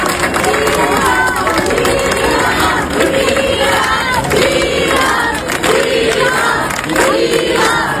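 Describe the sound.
A large crowd in Ceuta claps and cheers loudly and steadily for Juan José Vivas, president of Ceuta, with many voices shouting together in waves over a dense wall of applause, continuous for the whole stretch.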